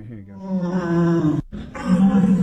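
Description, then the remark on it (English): A deer's roaring call: two deep, guttural bellows, the first long and drawn out, the second following a brief pause, loud with no talking. “That's a deer.”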